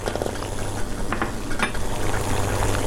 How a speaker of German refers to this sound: Erstmal blubbert's noch ein bisschen mehr. Es steigen viele große Blasen im Topf auf. Das liegt daran, dass es am Boden des Topfes am heißesten ist. Dort wird als erstes eine kleine Menge Wasser gasförmig. Sie verdampft.